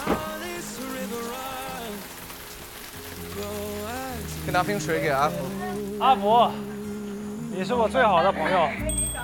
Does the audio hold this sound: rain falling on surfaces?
yes